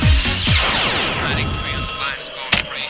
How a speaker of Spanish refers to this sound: Mira, llama a WhatsApp a esta hora de la mañana.